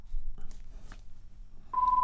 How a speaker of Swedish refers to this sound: Då ringer igen, får vi höra om det är bingo nu då.